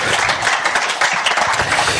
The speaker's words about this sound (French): Mesdames et messieurs, s'il vous plaît, une bonne mine d'applaudissements pour monsieur Jacquin.